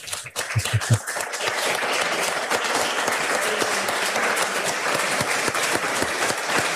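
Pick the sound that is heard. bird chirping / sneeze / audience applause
audience applause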